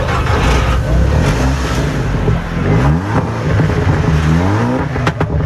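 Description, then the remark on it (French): Loud race car engines roar and rev, with rising and falling harmonic sweeps as throttles blip repeatedly, a continuous dense mechanical din with no talking, at the 66th Mont-Dore hill climb in Auvergne, France, on the slopes of the Croix Saint-Robert. “Des oreilles bercées par le son rugissant des moteurs qui n'attendent que de pouvoir s'exprimer sur les pentes de la Croix Saint-Robert.”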